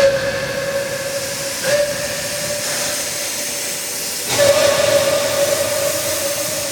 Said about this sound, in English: Come down here, got a little industrial engine, smoke and steam.